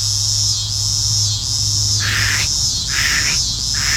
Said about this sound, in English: And there are some cicadas called lyric cicadas. They have the coolest names. One of my favorites is the scissor grinder cicada. It goes...